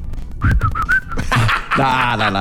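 A person whistles a short, wavering series of clear notes, then a burst of voices and laughter takes over the rest.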